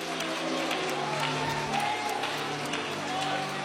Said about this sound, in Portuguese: Ai, meu Deus, se for para glorificar, que seja com palmas e aleluias.